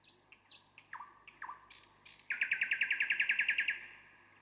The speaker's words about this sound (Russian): «Вот это соловей», — сказала девочка. «Слушайте, слушайте». «А вот и он сам». И девочка указала пальцем на маленькую серенькую птичку, сидевшую в ветвях.